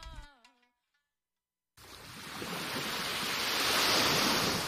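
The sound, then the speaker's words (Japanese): A short tonal chime rings out and fades, then after a brief silence ocean waves rush in as a steady, broad roar of surf that gradually swells louder, with no voices. “エコ運転、波の音が聞こえたらあなたはもう有料ドライバーです。”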